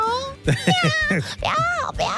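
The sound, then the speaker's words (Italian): A cat meows several times: a few short, clipped mews in quick succession, then a longer, drawn-out meow that rises and falls, and a final brief cry. “Io vorrei sentire un gatto ogni tanto se ce l'avete.”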